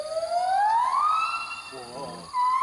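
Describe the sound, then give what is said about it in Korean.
A primate sings a high, whooping call, a kind of call audible from over a kilometer away: one long rising note that swoops upward, then a short burst of wavering trills and a final clear tone. It carries on its own. “근데 우리가 생각하는 영장류 소리랑 굉장히 다르죠.”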